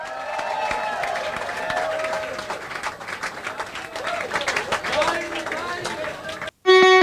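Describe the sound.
A crowd at a tribute show broadcast on Radio Jerusalem claps steadily for several seconds, a dense crackling wash with whoops and voices mixed in, then it cuts off abruptly and a loud, buzzy tonal burst takes over.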